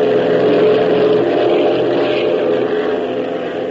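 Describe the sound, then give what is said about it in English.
A propeller plane's engine roars loud as the throttle is opened, a continuous, buzzing drone holding steady throughout with only a slight easing at the very end. No one speaks. “Come on, Hop, hit that throttle.”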